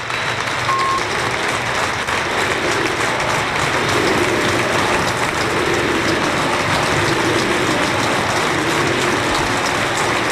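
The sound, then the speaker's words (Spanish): The crowd at the Arcángel stadium gives a sustained ovation to Isma Ruiz as he leaves the pitch, a dense, steady wash of applause and cheering that holds at an even, loud level for about ten seconds without pause. “Espera un momentito, así ovaciona el Arcángel a Isma Ruiz, que abandona el terreno de juego.”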